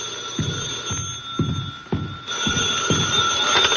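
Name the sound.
telephone bell ringing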